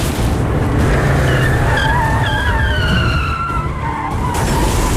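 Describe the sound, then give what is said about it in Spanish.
After a tire blowout, tires screech in a long, loud skid, with wavering squeals sliding up and down over a dense roar of car noise for the whole five seconds; no voices. “Reventón de una rueda.”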